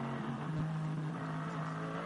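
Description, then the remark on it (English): On a warm day, the Hyundai Motorsport N TCR race car driven by Mikel Ascona, former WTCR champion, drones steadily with a low, buzzing hum at a fairly constant pitch and level for about two seconds, with no voices present. “We've been treated to quite a few, you know, the best part of a lap looking at Mikel Ascona, of course, the former WTCR champion in his Hyundai, who's, you know, he's driving his own race, really, in the Hyundai Motorsport N TCR car.”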